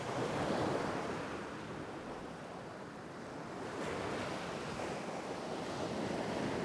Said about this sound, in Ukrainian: У вісні Олесь сидів на березі моря і дивився на нього. А море дивилося на Олеся і шурхотіло усіма своїми хвилями.